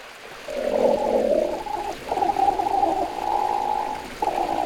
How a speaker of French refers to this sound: Ah, j'entends un grognement. Ça, c'est un ornithorynque. Pour le voir, direction l'est de l'Australie. C'est là qu'il vit, le plus souvent dans l'eau.